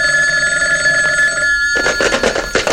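A telephone rings in the basement of a white frame house on the suburban outskirts of Midland City, with a steady, bright, high-pitched tone that shifts into a harsher, rapidly pulsing jangle of the bell, loud and alone with no voices.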